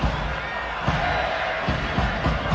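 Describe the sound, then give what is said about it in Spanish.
A stadium crowd at a Cholos vs León football match shouts at player Gilberto Mora in a steady, dense wash of voices, with a few brief louder swells rising out of the din. “Oh, Gilberto Mora, empiezan a gritarle a Gil Mora ya.”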